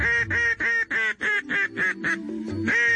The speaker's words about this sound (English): In the case of a duck call, you're really communicating with them when you blow these things. It's not just to attract their attention.